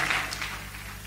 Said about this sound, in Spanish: Dele un fuerte aplauso al Señor y puede tomar su lugar.